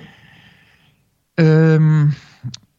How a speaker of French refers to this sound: Et ensuite, ça, quand on expire, on imagine que toute cette lumière, elle passe par le cou et elle rentre dans le cœur. On la fixe dans le cœur avec ça. D'accord ? Donc la respiration Khamsa.